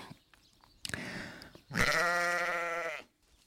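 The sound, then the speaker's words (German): Two sheep bleats: a short, rough bleat, then a longer, loud wavering baa lasting over a second, with quiet outdoor background between. “Die Schafe sind da.”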